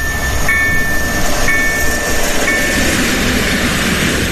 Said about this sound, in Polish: W każdej chwili mogą się szlabany zamknąć. Może przejechać pociąg.